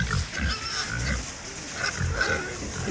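Several pregnant sows on the Piggly Squats pig farm grunt and snuffle in a continuous, overlapping chorus of low, rough oinks, with a few higher squeals breaking through at moderate loudness.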